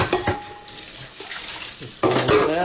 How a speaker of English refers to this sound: He's loading up the dishwasher.